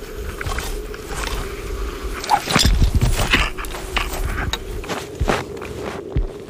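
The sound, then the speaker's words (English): Footsteps, the first few steps onto the sea ice, crunch across ice with a couple hundred meters of water underneath, in a slow, irregular series of crisp, gritty impacts over a steady low hum, with no voices. “These are our first few steps onto the sea ice.”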